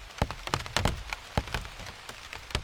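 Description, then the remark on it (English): Big raindrops strike plant leaves in irregular, sharp taps over a soft steady patter of rain, some hits loud, others fainter, with no voices. “And these enormous drops that are like a drumstick banging on the leafy drum skins below.”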